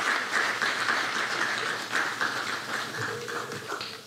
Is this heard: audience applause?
yes